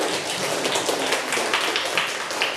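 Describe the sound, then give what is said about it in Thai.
A class of students breaks into steady applause for themselves after speaking in groups in front of the classroom, many hands clapping at once in a dense, even patter that holds at a fairly strong level for the whole stretch, with no voices. “ตอนนี้ขอเสียงปรบมือให้ตัวเองอีกครั้งนึงครับ”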